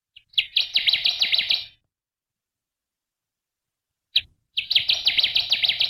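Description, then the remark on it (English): A Connecticut warbler on fall migration sings two loud bursts of rapid, rhythmic chirping phrases, separated by a few seconds of silence, with no voices present. “And another bird that we only see here in the fall is the Connecticut warbler.”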